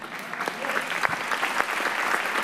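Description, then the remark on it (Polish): Steady audience applause for Teatr Zagłębia from Sosnowiec, a dense wash of many hands clapping at a fairly even loudness, with a few sharper individual claps standing out and no voices over it. “Także nawet jeżeli Teatr Sosnowca nie dostanie Złotego Jorika, bo nie wiem, bo nie jestem w jury w tym roku, to i tak zasługuje na to, żeby mieć długie i dobre oklaski.”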